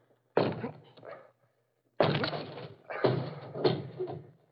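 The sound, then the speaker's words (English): A study door is forced open with heavy thuds: one loud blow, a pause, then two more forceful impacts in quick succession, each with a brief rattling decay. “Can you force the door?”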